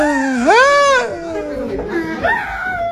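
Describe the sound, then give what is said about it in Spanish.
A man screeches in a strained, high-pitched wail that swoops up and falls away, then breaks into a second, shorter rising cry, loud and raw throughout. “Pero usted escucha un chillido de un hombre.”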